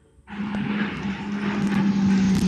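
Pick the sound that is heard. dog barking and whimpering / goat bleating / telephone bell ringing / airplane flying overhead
airplane flying overhead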